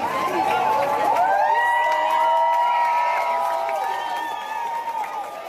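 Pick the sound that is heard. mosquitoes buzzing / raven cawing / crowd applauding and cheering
crowd applauding and cheering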